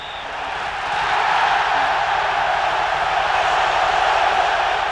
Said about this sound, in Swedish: Sångerna, skriken av glädje, ljudet från den kokande stadion färdas genom den argentinska huvudstaden, över gator och kvarter, ända fram till militärflottans utbildningscenter.